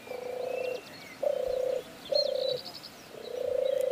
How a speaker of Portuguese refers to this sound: É un cuco, Toño. Un cuco.